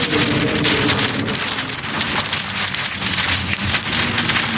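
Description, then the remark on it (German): A large kite rattles and flaps in strong wind on a zoo meadow, a loud, steady rushing noise broken by rapid, irregular fluttering bursts throughout, with no voices. “Toll, der knattert und flattert.”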